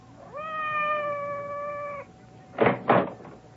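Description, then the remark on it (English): Madame's cat, Francois, gives one long, drawn-out meow outside the door that holds steady for nearly two seconds. Two short, dull thuds follow in quick succession, with no one speaking. “It sounded like Madame's cat, Francois.”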